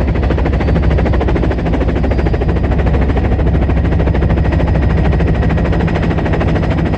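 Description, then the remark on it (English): An orange and white helicopter flies over snow-capped mountains in the Alps, its rotor thumping in a rapid, steady chop over a loud, continuous engine roar that holds for the full seven seconds, with no voices. “The orange and white helicopter cruises over the snow-capped mountains.”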